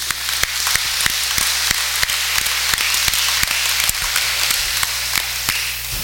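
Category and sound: crowd, audience applauding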